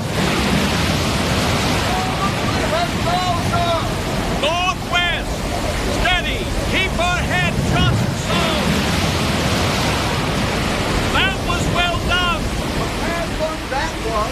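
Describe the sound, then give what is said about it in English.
Heavy storm waves pound and roar continuously around a ship at sea in a storm, a loud, unbroken wash of surf and wind, with thin whistling or creaking tones rising and falling above the din. “Here comes another dreadful sea!”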